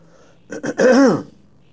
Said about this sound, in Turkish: Biz öksüreceğiz. Sesimiz de kısık olacak.